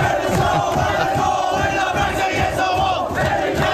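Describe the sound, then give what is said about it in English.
The Dolphins rugby league team cheers and yells together in the locker room after their grand final win over the Penrith Panthers, a loud, continuous roar of overlapping shouts that stays at full intensity for the whole few seconds. “The scene in the locker room, well, kind of sounded like this.”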